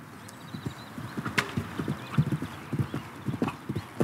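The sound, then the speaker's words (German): Steady clip-clop of horse hooves at a riding stable on the island of Föhr, a brisk repeating rhythm of sharp knocks, with a faint whinny-like sound early on and no talking. “Heute stellen 15 Föhrer hier ihre Pferde unter und trainieren auf dem neuen Springplatz und in der Reithalle.”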